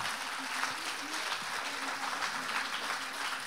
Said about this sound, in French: Les agriculteurs, eux, et je le dis avec fierté en face du stand de la Confédération paysanne, subissent à la fois, on peut les applaudir nos voisins, parce que le hasard fait bien les choses.